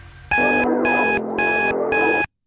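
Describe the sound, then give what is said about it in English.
A loud electronic alarm rings in four rapid bursts, each about a third of a second, while a song plays steadily underneath, partly buried by the harsh beeping. “The trick is to ignore the alarm and listen to the song in the background, all right?”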